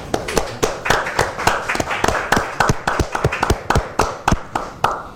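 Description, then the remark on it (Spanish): Brief applause from a small group for a painter from Tomé at the end of the program Semblanzas, with distinct, sharp hand claps landing in a quick, steady rhythm for several seconds, fairly loud, with no talking over it. “Un aplauso para el destacado pintor tomecino quien nos acompañó en esta edición.”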